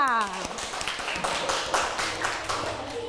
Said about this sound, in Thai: very good ดีมากปรบมือให้ตนเองค่ะ